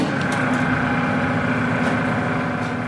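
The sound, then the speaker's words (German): A steady mechanical whir from a lathe grinding a rectangular piece of plastic into a round ballpoint pen housing in a small workshop in Soweto, with a constant hum and a sustained high tone, running evenly and fairly loud for the whole stretch, with no talking. “steht vor einer Drehbank und schleift ein rechteckiges Stück Plastik zurecht.”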